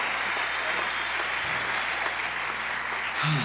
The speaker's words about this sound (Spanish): Si ese aplauso es para nosotros, está bien, pero si es para él, tiene que dárselo más fuerte.